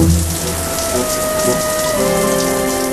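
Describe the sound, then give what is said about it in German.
Steady rushing spray of water from a shower left running for a long time pours continuously, dense, with a faint tonal hum running underneath. “Er duschte. Lange. Unendlich lange.”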